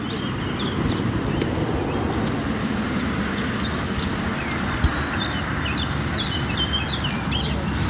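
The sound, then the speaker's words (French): A Eurasian wren sings a fast, varied run of high chirps and whistles that quickens into a rapid trill near the end, fairly faint over a steady low rumbling background noise. “le troglodyte, si vous regardez le sonagramme, on a vraiment quelque chose de très varié et la tri elle est sur la fin du chant”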